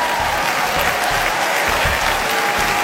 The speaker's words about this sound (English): A huge applause.